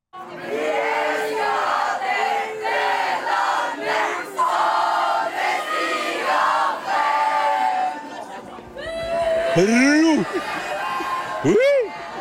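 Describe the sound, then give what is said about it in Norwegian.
A large crowd of football fans in Norway, celebrating Norway's first World Cup match in 28 years, chants together in loud, sustained unison, then breaks into cheering with high, rising whoops and shouts near the end. “Det ble en skikkelig folkefest.”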